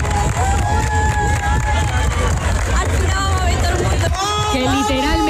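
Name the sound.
crowd cheering and applauding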